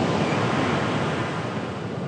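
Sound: ocean waves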